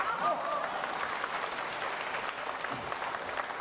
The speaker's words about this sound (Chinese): 行了行了，各位太善良了，喊口号您还鼓掌